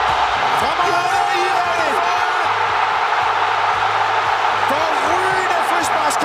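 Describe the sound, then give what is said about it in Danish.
A packed stadium crowd roars steadily throughout, with loud overlapping shouts and whoops rising over the dense wall of noise as fans cheer a football goal scored by Iran from a free-kick combination at the World Cup. “I kan også godt høre, det ender med mål.”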